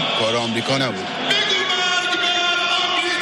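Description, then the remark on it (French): A huge crowd gathered under the imposing arch of the Mossala chants "death to America" in unison, many voices merging into a loud, sustained roar with rising and falling shouted syllables at the start, then a steady, droning mass of voices. “Pourtant, la marée humaine rassemblée ici sous l'imposante arche du Mossala crie bien « mort à l'Amérique ».”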